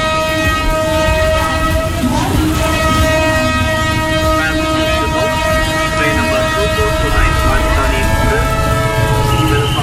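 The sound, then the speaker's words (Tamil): A train standing at a railway station, with a long steady horn blaring loudly for the whole stretch over a heavy rumble of rail noise and faint background voices. “பரவாயில்லங்க, ட்ரெயின் ஸ்டேஷன்ல தானே நிக்குது.”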